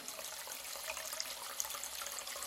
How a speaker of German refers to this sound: So, ein Stöpsel rein. Wasser ins Waschbecken. Ein Mini-Swimmingpool.